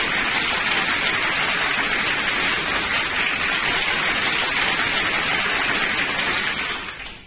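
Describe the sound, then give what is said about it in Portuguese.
A crowd applauds in a dense, steady wash of clapping that stays loud for about seven seconds, then quickly tapers off. No voices can be heard. “Uma multidão de aplausos pra ela!”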